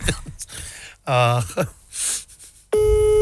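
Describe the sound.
Brief voices and breathy vocal sounds give way to a loud, steady telephone dial tone that starts abruptly near the end and holds unbroken.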